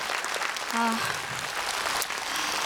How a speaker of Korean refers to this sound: 저는 이제 트로트를 국악을 하다가 트로트로 왔지만 이렇게 젊은 분들이 우리 국악을 지켜주니까 정말 든든한 것 같습니다. 박수 한번 더 주세요.